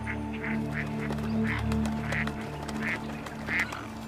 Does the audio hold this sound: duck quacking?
yes